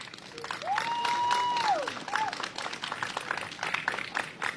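Dense, steady applause from a crowd, with a long, clear whistle that holds one pitch for over a second and then dips, followed by a brief second whistle.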